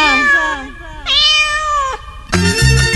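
A cat meows loudly, giving two drawn-out, wavering calls, then a third, harsher cry at the end with a brighter, noisier texture.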